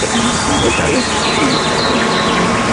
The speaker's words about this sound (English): Oh, you have another bee. Yeah, another bee that got stuck in the honey there.